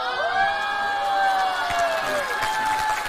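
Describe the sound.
A crowd cheers and shouts in a steady, dense wash of voices, with high whoops and excited calls rising over scattered clapping throughout.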